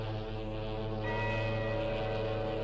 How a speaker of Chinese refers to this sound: 外滩海关大楼的大钟响了，时针指向12点。